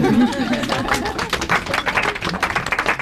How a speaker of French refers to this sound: plus d'applaudissements.